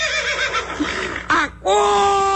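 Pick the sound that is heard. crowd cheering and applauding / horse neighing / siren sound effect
horse neighing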